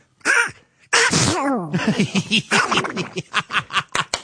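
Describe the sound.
A man imitates Donald Duck sneezing: a short breathy burst, a long wavering nasal wind-up, then a rapid, rhythmic string of squawky, sputtering sneezes, loud.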